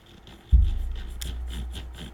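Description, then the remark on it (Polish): The knob of a remote control, a potentiometer with small notches rather than a smooth one, being turned with a run of soft, evenly spaced detent clicks over a low rumble of handling noise that starts suddenly partway in. No one speaks. “Też to jest taki potencjometr z takimi lekkimi skokami. To nie jest taki płynny potencjometr, tak.”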